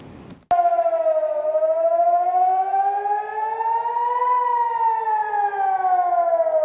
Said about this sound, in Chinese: 当地时间6月7号晚，以色列北部多个地区拉响防空警报。